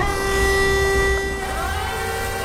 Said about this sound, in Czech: z firmy Brink Auto mi ukazuje, jak se vepředu na autě roztáčí dva kotoučové kartáče, které čistí podlahu. Celé elektrické uklízecí auto je velké asi jako menší dodávka.